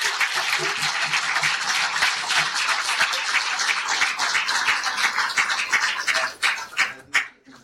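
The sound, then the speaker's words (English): A crowd in Thailand applauds Professor Ilan Pappe before his address on the International Day of Nakba, with dense, continuous clapping for about six seconds, then the applause thins out into a few scattered claps before fading. “Ladies and gentlemen, round of applause for Professor Ilan.”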